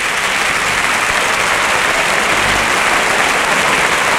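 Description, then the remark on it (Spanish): A large bullring crowd, on its feet, applauds loudly and continuously as matador Pablo Aguado dedicates his bull to Morante de la Puebla, a dense, steady roar of clapping with no pauses or voices standing out. “Y el público que se rompe las manos de aplaudir. La plaza de pie, ¿eh?”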